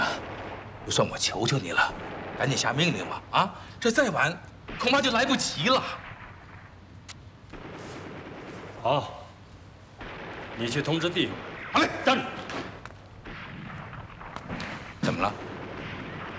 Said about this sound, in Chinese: 这山下传来的枪声越来越激烈。